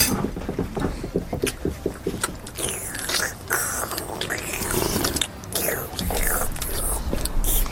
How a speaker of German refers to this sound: Hör mal auf zu schlürfen.